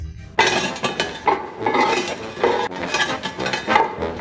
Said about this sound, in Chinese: 那我们呢一直坚持用这个研磨的方式，这样做才会更香。 手工研磨调料不仅使得味道更香，也方便烧制13香小龙虾时使用。